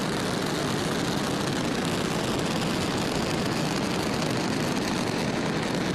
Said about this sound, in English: We're hearing good confirmation from Mission Control that everything onboard the engine looks good. So right now the rocket is pitching downrange, and all nine Merlin engines are continuing to perform well.